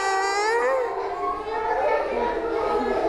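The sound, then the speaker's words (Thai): A group of children, asked by their teacher during a pretend train ride, vocally imitate a train whistle, their high, drawn-out hoots overlapping in a loud, continuous chorus for a few seconds. “ร้องเสียงรถไฟได้ไหมคะร้องยังไงนะปูนปูนรถไฟเลี้ยวแล้วนะ”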